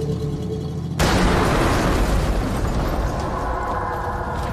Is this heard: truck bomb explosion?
yes